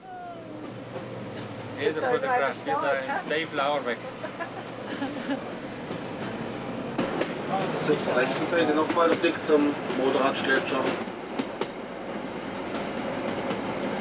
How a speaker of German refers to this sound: Die zwei Triebwagen mit ihren 2000 PS haben den Zug jetzt schon